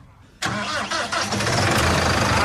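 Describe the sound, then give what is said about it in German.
A large tractor engine cranks and fires up abruptly, then settles into a loud, steady, rumbling idle, with no voices. “Hier sind wirklich mega Maschinen, die fettesten Traktoren.”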